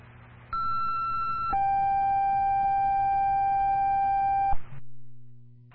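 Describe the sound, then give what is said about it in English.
Two sustained electronic fire dispatch paging tones, sent to cancel the Milford Fire response to a call, play in sequence, a higher pitch for about a second followed by a lower steady tone for three seconds, loud and clear over a low radio hum before cutting off. “Sign up, cancel tone 152.”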